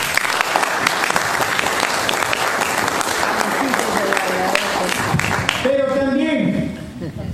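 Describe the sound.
Sustained audience applause called for in honour of a doctor, dense clapping from a large crowd for about six seconds, then tapering as a voice begins speaking over the fading claps.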